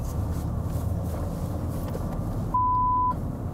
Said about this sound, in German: Warum es piept? Weil viele Kunden ihren Namen nicht im Fernsehen hören wollen.